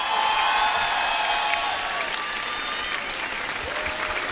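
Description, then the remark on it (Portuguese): A crowd applauds loudly and steadily, with scattered cheers and whistles rising above the dense clapping throughout. The crowd is at an RFM Festas do Mar concert in Cascais, welcoming a surprise guest onto the stage. “Então, quero pedir um forte aplauso”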